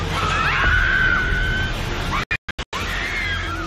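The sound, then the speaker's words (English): Bystanders scream and shout over a loud, continuous rumbling roar as a building's upper sections collapse onto its ground-floor Jollibee restaurant during an earthquake in General Santos, the cries rising above the noise, before the sound cuts out in several brief gaps near the end. “Footage showed the building's upper sections collapsing onto the ground floor restaurant. Bystanders screamed and clouds of dust engulfed.”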